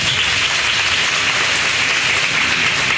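Sustained applause from a crowd at a Miss Mamá pageant event, a dense steady wash of many hands clapping at once, loud and even throughout with no voices standing out.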